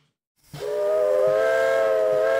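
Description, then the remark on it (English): A steam train on the Brecon and Merthyr railway line in Brecon, Wales, blows its whistle: a long, steady, piercing tone over a broad hiss of steam, with faint low chuffs underneath, loud after a brief silence. “There's been railway traffic on the Brecon and Merthyr line since 1859. And while steam may be holding back the march of time in Wales”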